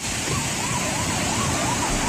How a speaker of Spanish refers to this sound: Escuchamos el sonido del río Alberche a su paso por el puente románico de Navaluenga.